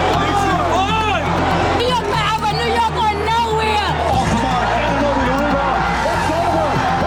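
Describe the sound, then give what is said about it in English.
A large crowd in New York City cheers and shouts continuously, celebrating the New York Knicks' NBA championship win over the San Antonio Spurs; many voices overlap in excited whoops and yells over a steady roar of celebration, loud throughout. “The city filled with tears, cheers, and a lot of blue and orange this morning.”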